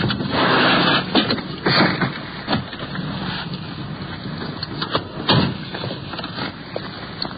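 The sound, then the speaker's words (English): A car pulls in behind a police radio car that is pulling up. Its engine rumbles steadily under a broad, hissing wash of noise, with a few louder bursts early on, before it settles into a lower, even idle. “The radio car's pulling up. We're sliding in behind.”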